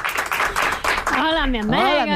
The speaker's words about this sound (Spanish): un aplauso para ella.